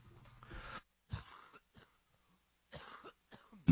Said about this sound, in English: Cough break there, guys. Sorry about that.